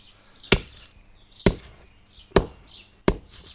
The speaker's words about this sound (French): Ah, je casse les huîtres là. Alors, c'est bien de les laisser au soleil, de les laisser à la pluie. Elles sont plus faciles, elles sont plus friables.